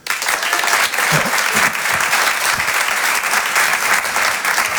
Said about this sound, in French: Par applaudissement, Kim Kolaizi.